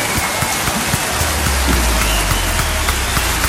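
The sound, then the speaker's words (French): A burst of applause for a game contestant who scored 4 out of 5 that morning, dense overlapping claps forming a steady, crackling wash that holds at an even, fairly loud level for several seconds with no voices. “Ben voilà, on applaudit.”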